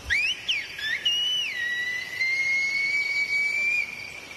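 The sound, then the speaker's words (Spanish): A loud, piercing Silbo Gomero whistled message from La Gomera rings out alone: a few quick rising and falling pitch glides, then a long, steady high note held for several seconds. “En medio del silencio aparecía un silbido.”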